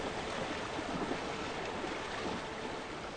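A strong river current, where zebras cross, rushes steadily and continuously, a dense, even roar of churning flow with no pauses and no voices.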